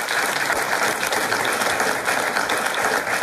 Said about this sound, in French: C'est une très, très bonne réponse. Ça, oui, on peut vous applaudir, bien sûr.